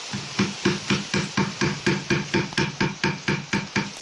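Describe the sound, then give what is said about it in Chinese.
A carving knife chisels into the wood layer to smooth the wood surface, a technique of Foshan wood carving, in a steady, rhythmic series of sharp taps, about four per second, clear with no voices present. “刚才大家听到的声音是黑刀凿入木层打磨木面的声音，就是我们佛山木雕独有的工艺声响。”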